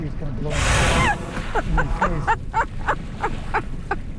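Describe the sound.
A whale surfaces with one loud, breathy whoosh of spray lasting about half a second, followed by a string of short, rapid voiced bursts from people reacting.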